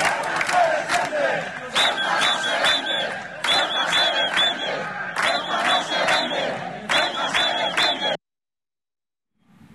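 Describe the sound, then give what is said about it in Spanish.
A crowd chants and shouts Spanish slogans such as 'Un caballa nunca se rinde', 'Ceuta no se vende, Ceuta se defiende' and 'yo soy español' in rhythmic bursts during a charity race, loud and sustained for about eight seconds before cutting off into silence. “Un caballa nunca se rinde, Ceuta no se vende, Ceuta se defiende, o yo soy español, fueron algunos de los gritos más repetidos en esta carrera con carácter solidario y reivindicativo en una fecha especialmente significativa para los ceutíes.”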